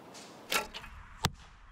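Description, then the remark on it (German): An arrow is loosed from a bow with a sharp swish, followed about a second later by a solid thunk as it strikes the target, with no talking. “Sind ja zum Glück noch ein paar Pfeile da. Nicht einfach mit dem Bogen zu treffen, aber scheinbar süchtig machend.”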